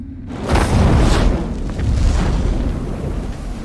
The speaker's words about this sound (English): Suddenly, a patch of earth bursts into flames.